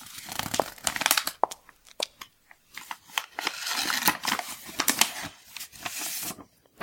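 A paper letter being unfolded in a living room: a run of dry crinkles and crisp rustles in irregular bursts, with sharp crackling snaps, moderately loud and without any voices.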